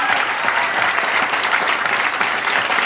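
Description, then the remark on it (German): Steady, dense audience applause for the winner of the Saarländischer Rundfunk talent competition, with many hands clapping at once, loud and sustained throughout without a break, with no voices standing out over it. “Dieser Applaus, meine Damen und Herren, gehört auch heute zur Musikpalette am Montag, denn das ist die Siegerin des Talentwettbewerbes des Saarländischen Rundfunks.”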